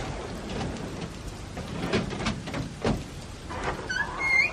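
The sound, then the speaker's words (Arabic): A key said to open most doors rattles and clicks in a lock over a steady rushing background, then a door creaks open with a rising, squeaky whine near the end. No one speaks. “جربوا أولا هذا المفتاح فهو يفتح معظم الأبواب.”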